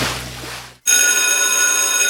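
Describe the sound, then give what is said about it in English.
The school bell of Anderson College rings loudly, a continuous metallic clatter that starts abruptly after a brief burst of hiss and keeps ringing steadily without pause. “Anderson College's school bell is ringing just for you.”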